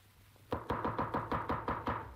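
A rapid series of about eight sharp knocks on a wooden door, Red Riding Hood knocking at Granny's house, evenly spaced and ringing out clearly with no voices.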